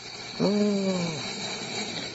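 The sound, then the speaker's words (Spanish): A single drawn-out creak of a door swinging on its hinges groans for under a second against a quiet background hiss, then fades. No one speaks. “Oyen el ruido de la puerta.”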